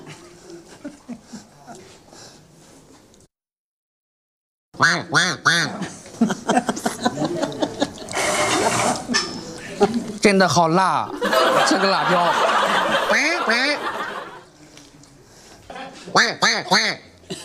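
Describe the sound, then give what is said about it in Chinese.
A person imitates a small rural hen clucking as it lays an egg, with a loud run of rapid, throaty clucks and cackles after a brief silence, trailing off into softer chuckling bursts. “刚才是学的鸟，你看它农村的那个小母鸡下蛋，它的声音就不一样了。”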